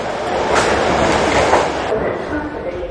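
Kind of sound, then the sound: vehicle, subway train riding ambience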